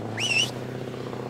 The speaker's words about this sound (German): Unser Bus fährt da weg.